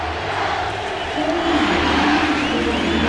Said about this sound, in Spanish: Usted escucha ahora el grito de los aficionados de las Águilas del América. Como hemos mencionado, es estadio repleto, estadio lleno hoy aquí en el inmueble del Corregidora, en esta jornada número uno del fútbol mexicano.